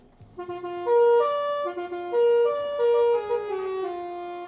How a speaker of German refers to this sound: Und so freuen sich die Leute bei uns in der Nachbarschaft im Kreis Paderborn jedes Mal, wenn sie La Cucaracha tröten hören. Wenn der Bücherbus anrollt, dann hören Sie es im Kreis Paderborn. So, jetzt sind wir da, jetzt müssen wir einmal hupen.